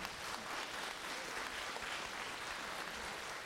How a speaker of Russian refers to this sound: И я вас еще раз прошу поаплодировать.